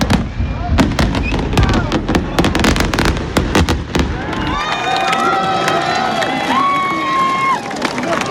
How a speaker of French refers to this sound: on devait aller à Montastruc ensemble, mais du coup, on est venu ici parce que, apparemment, les feux d'artifice sont mieux. Et alors, verdict ? Ouais, il est trop joli, c'est trop beau, c'est trop beau. Les Toulousains également profitent du moment.